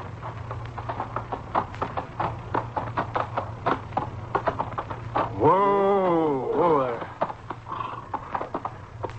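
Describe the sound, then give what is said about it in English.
Horse hooves clip-clop in a steady rhythm over a low hum, with a long wavering whinny rising in the middle before the hoofbeats carry on, as the horse is ridden into Red Horn's Piegan camp. “You're home, horse. Come on, boy.”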